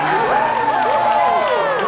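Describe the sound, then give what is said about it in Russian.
A lively crowd cheers and whoops with many overlapping voices, over a steady wash of clapping that stays loud and continuous throughout the short moment. “Громче хлопайте!”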